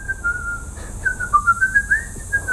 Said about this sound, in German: Menschen auf der Straße pfeifen.